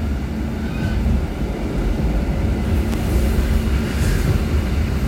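An older-model train rattles and rumbles steadily as it departs, a loud, continuous low clatter with faint squeaks above it and no voices.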